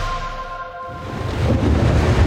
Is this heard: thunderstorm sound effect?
yes